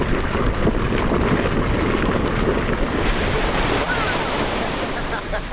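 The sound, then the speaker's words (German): A geyser in Iceland, near a hot spring, erupting as a water jet shoots out of the ground like a large fountain, making a loud, continuous rushing roar that holds steady for several seconds, with a hiss of spray and wind blowing across the microphone. “Nicht weit davon schießt plötzlich ein Geysir aus der Erde.”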